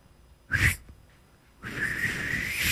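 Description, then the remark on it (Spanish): A person whistles: a short breathy burst, a brief pause, then a longer airy whistle held steady with a lot of breath noise. No talking. “¿Vos podés hacerlo? No, no sé silbar yo tampoco.”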